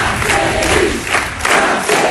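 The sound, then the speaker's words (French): A very dense crowd at a Jean-Luc Mélenchon rally, put at 10,000 activists by the organizers, cheers and roars continuously. It is a loud, broad wash of many voices, with swelling shouts rising and falling throughout. “Le tribun, écouté par une foule très dense, impossible à vérifier, mais l'organisation parle de 10 000 militants présents.”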